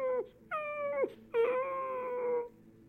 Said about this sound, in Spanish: Le volvió a pegar. Y el perro empezó a caminar como hacia atrás del burro mientras chillaba.